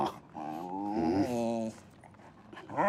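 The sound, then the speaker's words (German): A detection dog in training, after passively indicating hidden pyrotechnics at a desk during a search, makes a drawn-out, wavering vocal sound lasting over a second, moderately loud, followed by a short pause and the start of another whine at the end. “Der Hund kam in der Grobsuche zu dem Schreibtisch, wo die Pyrotechnik versteckt ist, hat sicher angezeigt, passiv.”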